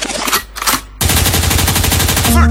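DJ rewind sound effect

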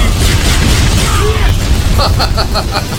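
fireball attack explosion effect

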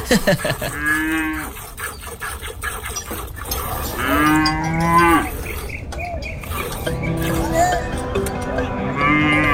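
cow mooing

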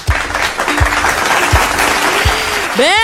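studio applause

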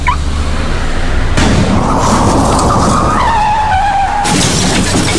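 car skidding and crashing

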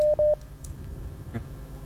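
whatsApp call dialing tone

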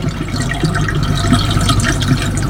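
swift-flowing river water

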